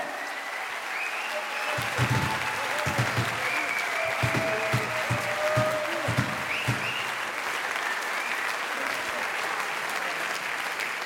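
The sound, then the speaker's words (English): A crowd applauds steadily for about eleven seconds, a dense wash of clapping with scattered louder claps and faint cheering mixed in, holding an even level throughout. “Clap's off your house, everybody, do it!”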